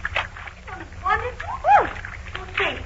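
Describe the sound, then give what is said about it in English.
Water splashes and sloshes as someone wades into a shallow, cool creek, with short vocal exclamations rising over the splashing. “Come on in, …. Oh, I am.”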